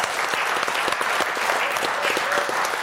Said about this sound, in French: Alors déjà, on applaudit notre invité qui a bien répondu. Bravo,